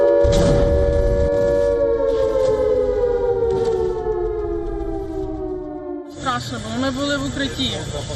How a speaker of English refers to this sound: Kyiv is once again under a barrage of missiles and drones. Buildings are damaged, emergency crews race through the capital as air raid sirens cut through the night.